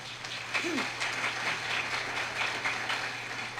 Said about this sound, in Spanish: De esta manera pongo en tu mano, y pueblo de Dios, alaba y glorifican con lluvia de aplauso.